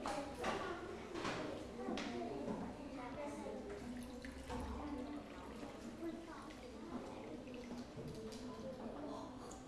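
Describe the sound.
Water is poured from a jug into a glass to measure it out, a steady, quiet trickling splash that runs continuously for several seconds, with faint indistinct voices murmuring in the background.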